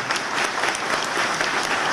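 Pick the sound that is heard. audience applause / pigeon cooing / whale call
audience applause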